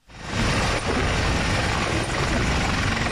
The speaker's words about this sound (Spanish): Hasta tres helicópteros se alternaron durante toda la tarde de ayer para cargar agua en las piscinas municipales de Archiniega y descargarla después sobre el fuego